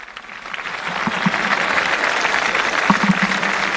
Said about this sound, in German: Es lebe der Papst, ruft die jubelnde Menge.